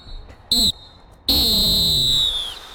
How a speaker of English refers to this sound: And I think it's time to blow the halftime whistle.